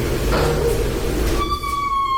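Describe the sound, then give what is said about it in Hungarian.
A door creaks open, starting with a low rumbling scrape and rising into a sustained, high-pitched squeal of hinges that holds steady to the end. No one speaks. “Aha, egy jó ajtónyikorgás.”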